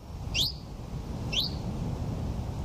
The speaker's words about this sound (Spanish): Mosquitero común.